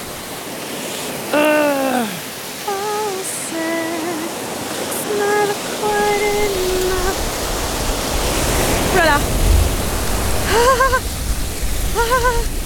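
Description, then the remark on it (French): A person bathes in a cold spring; the water splashes and rushes steadily, a continuous bright wash of sound, while the person's voice breaks in with short exclamations and a few spoken words over it. “Alors, le rituel, quand même, c'est de se baigner dans chaque source d'eau froide qu'on croise, non?”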